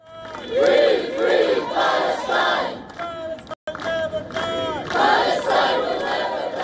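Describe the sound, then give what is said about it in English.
A crowd of over 100 activists chants loudly in unison at a protest in Brussels ahead of the European Council summit. Their voices rise and fall in repeated rhythmic bursts of shouted phrases, with a brief cut partway through before the chanting resumes. “For instance, over 100 activists staged a protest in Brussels ahead of the European Council summit, which is being held from June 18th to 19th”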